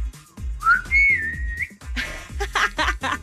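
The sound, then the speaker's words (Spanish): A single family whistle call by a father, sent as a phone message recording, slides upward, then holds a steady high note for about a second, followed by breathy, noisy bursts. The whistle is loud. “A ver, no sé, el chiflido familiar.”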